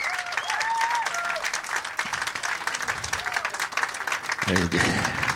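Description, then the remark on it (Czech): Sustained audience applause, a dense, loud wash of many hands clapping throughout, with a few cheers and voices rising over it and a low voice briefly audible near the end. “Jako jestli budete takhle dlouho tleskat, tak přetečeme normálně, to by úplně průšek.”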